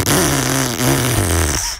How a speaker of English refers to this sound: That was supposed to be a car with a crook exhaust, but we couldn't find the right sound effect. Not very professional, I know.